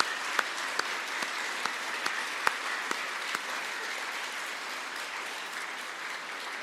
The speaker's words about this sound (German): Und ich denke, wir können das durch einen Applaus auch einmal zum Ausdruck bringen.